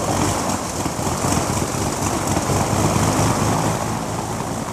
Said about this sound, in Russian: Но этот парень крутил винт абсолютно так, как надо, будто занимался этим всю жизнь. Пружинка стартера щелкнула, в цилиндре проскочила искра, и старый мотор тут же завелся.